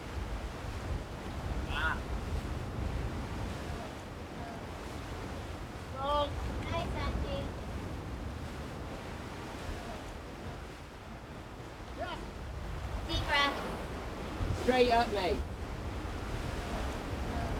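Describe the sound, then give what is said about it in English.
Steady rumbling surf crashes below a wall, a broad continuous wash of sea noise with gusty swells, while occasional brief high-pitched calls or shouts cut through at intervals. “When you're on the wall with the sea crashing below you, it sounds like it's breathing.”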